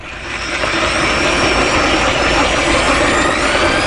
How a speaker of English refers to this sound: He's standing over it like he would a jackhammer, and he's drilling down through the ice.